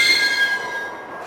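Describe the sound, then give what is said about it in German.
A heavy iron door in a side passage, secured by three unusually strong bolts, creaks open with a long, shrill metallic squeal that holds steady, then thins out and fades after about a second. No voices. “Ich öffnete die Tür.”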